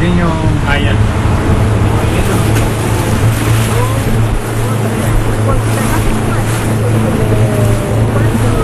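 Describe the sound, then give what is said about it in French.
A motorboat engine drones steadily and loudly throughout as the boat heads to a nearby salmon farm a few metres away, its low hum layered with rushing water and wind noise, with no pause or change in pace. “Donc on va remonter dans le bateau.”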